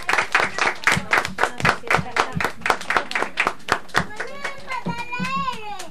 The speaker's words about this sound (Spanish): Lo vamos a pegar. Un aplauso. Muy bien.